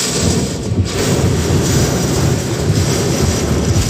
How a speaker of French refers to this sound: Direct de l'entrée de Morian. C'est apocalyptique. Très, très grosse bourrasque devant et une pluie, un vent et des branches sur la route.